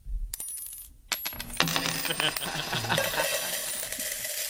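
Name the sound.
coins dropping one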